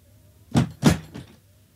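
A door swings shut: a couple of solid knocking thuds followed by a lighter latch-like click, with no one talking.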